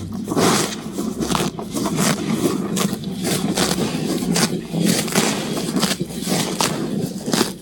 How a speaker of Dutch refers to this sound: Ja, dit is een gretig grazende koe die lekker in het natte gras ligt. Geweldig geluid.